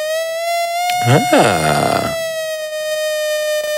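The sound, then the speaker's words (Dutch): A steady, bright, buzzy sawtooth wave from a synthesizer oscillator holds one high pitch throughout, rich in harmonics, while a voice briefly speaks over it near the start. “Wat je net hoorde is een zaagtand.”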